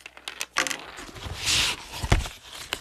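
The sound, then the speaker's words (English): Slates and slate pencils are shuffled and moved out of the way: a run of hard clicks and light clatters, a brief scraping slide, then a few more sharp knocks, with no voices. “Let me move these slates and slate pencils out of the way so we can play dolls.”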